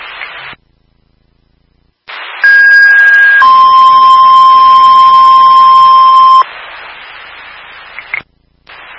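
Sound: fire dispatch alert tones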